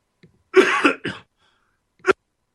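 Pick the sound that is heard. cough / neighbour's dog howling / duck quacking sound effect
cough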